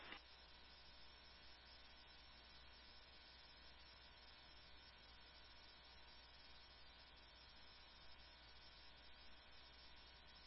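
A steady wash of radio static hisses without a break for about ten seconds, even and unvarying in loudness, with no voices coming through, during a garbled radio transmission to unit AMR 1.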